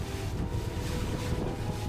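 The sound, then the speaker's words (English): A lifeboat churns steadily through choppy water, with high waves after a storm, as it crosses to the trawler Santa Princesa. Its engine drone mixes with constant gusting wind buffeting the microphone, loud, with no talking. “Cast off. The crossing to the other trawler takes just under 5 minutes.”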